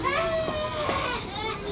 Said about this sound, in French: Tu entends ? On dirait que quelqu'un pleure.